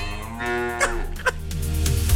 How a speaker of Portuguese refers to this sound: Olha, o mugido especial pro Eriston